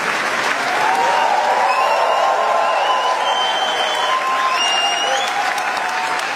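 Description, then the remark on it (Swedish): Sustained, dense applause from a large crowd giving a standing ovation to actress Lea Seydoux after the premiere of the film Gentle Monster at the Cannes film festival, steady and loud throughout, with a few faint whistles and cheers rising above the clapping. “De här applåderna är inte från en talkshow, utan så här lät den här skådespelaren Lea Seydoux fick ta emot stående ovationer för filmen Gentle Monster efter premiären under den pågående filmfestivalen i Cannes.”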